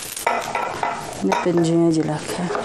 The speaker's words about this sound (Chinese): 柴火灶上温水慢煮，把切好的猪瘦肉下锅。